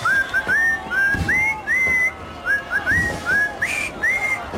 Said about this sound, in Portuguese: Então vou assobiar os parabéns ao Portugalex que faz os anos.